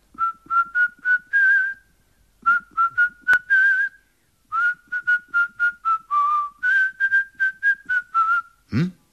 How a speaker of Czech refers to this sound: Leda, že by si zaskočil do vsi, co leží za vrchem Šiberákem. Našel tam ševcovic chalupu, postavil se na zahradu a zapískal.